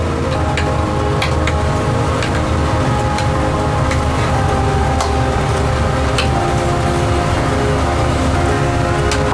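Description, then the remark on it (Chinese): Thick chili sauce with local Qingyang chili peppers and scallion pieces bubbles steadily in a pot, a dense continuous crackle broken by scattered sharp pops and blips, fairly loud throughout with no voices. “时间的魔法在咕嘟声中悄然发生，汤汁越来越浓，越来越亮，从起初的水油分离到如今浑然一体的醇厚红亮”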